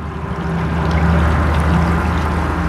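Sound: river water flowing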